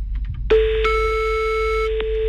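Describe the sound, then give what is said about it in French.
A single long, steady telephone ringing tone sounds over the line, a clear mid-pitched hum lasting over a second before cutting off, preceded by faint clicks and line noise. “C'est reparti, ça sonne.”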